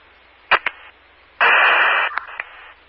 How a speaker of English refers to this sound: Johnny, are your radios all static?